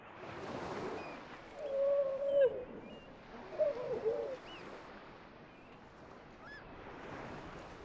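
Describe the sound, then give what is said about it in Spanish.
Grey seals howl in two drawn-out, wavering calls a couple of seconds apart, first the young seals and then the older ones, clear above a steady rushing backdrop of wind or surf. “Justo cuando quieres echarte una siesta rápida, los vecinos tienen que empezar a hacer ruido.”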